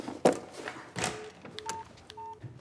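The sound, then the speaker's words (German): A few short electronic keypad beeps from a mobile phone being dialed to make a call, clean dual-tone pips spaced unevenly after some soft handling clicks, fairly quiet with no talking. “Ja, mit meinem Handy.”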